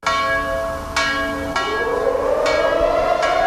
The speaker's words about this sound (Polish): Wyjątkowo ten dzień wygląda zawsze w Muzeum Powstania Warszawskiego tutaj. W rocznicę wybuchu zrywu brzmi dzwon monter.